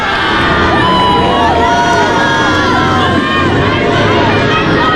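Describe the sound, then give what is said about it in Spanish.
A women's team, just crowned champions, shouts its victory war cry together in a loud, sustained chant, many voices overlapping in a dense, celebratory din that stays strong and energetic throughout. “Escuchemos el grito de guerra a la morada.”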